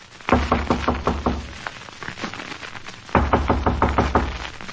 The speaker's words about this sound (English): After you, Professor. Ah, go on, knock.